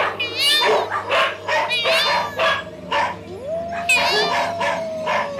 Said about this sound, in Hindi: कहीं से श्वान का एक जोड़ा भौंकता हुआ सामने आ गया। भर्तृहरि ने कुटी का द्वार खटखटाया। कोई है? मैं अतिथि हूं। कुत्तों के भौंकने की और मोर के चीखने की आवाजें आने लगती हैं।